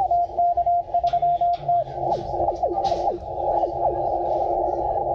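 Shortwave radio static fills the 40-meter amateur radio band at an amateur radio station on the Elbe 3, while a steady Morse code tone beeps in short dashes, then tuning sweeps whistle through the hiss as the dial moves to the end of the band.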